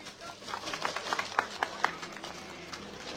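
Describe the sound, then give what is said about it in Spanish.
Audience applause welcoming the Frente Vence el Pueblo Chaviña at a gathering of the people of Coracora: scattered, uneven hand claps from a group over a steady murmur of background noise, with several sharp claps standing out before the clapping thins and fades away. “Fuertes palmas.”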